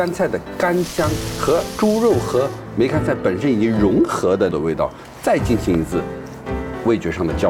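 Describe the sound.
Oil sizzles steadily as dried preserved mustard greens (meigancai), whose juice has first been steamed into pork, are deep-fried for a steamed pork with preserved mustard greens dish. The crackling hiss is strongest at the start, while a person talks continuously over it.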